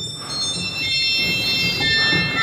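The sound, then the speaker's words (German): Shrill, out-of-tune church organ stops hold a high, piercing chord that sustains steadily for the whole stretch, with slightly clashing whistle-like tones over a low rumble and no talking. “Und viele Register klingen auch einfach schief und sind zu hoch und quietschig.”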